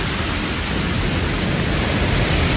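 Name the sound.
hail falling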